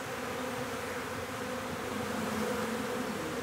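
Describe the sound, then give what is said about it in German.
A steady, dense buzzing of a honeybee swarm at its new home, an old log hive in the Planten un Blomen park, a continuous droning hum with no pauses, moderately loud, with no voices present. “Die wilde Wiese wächst rundherum heran, aber der Park ist bald eh ein Blütenmeer und es wird den Bienen an nichts mangeln.”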